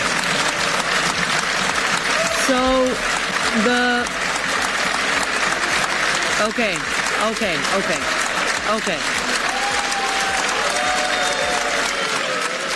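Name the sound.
applause in parliament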